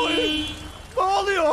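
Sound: car horns honking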